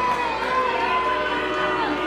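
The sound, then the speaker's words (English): A large crowd at a night baseball game, game 2 of a doubleheader with Binghamton trailing 5-0, roars and cheers steadily, a thick wash of many voices and shouts holding at a high level for the whole stretch without any break. “Big crowd tonight. They're getting loud.”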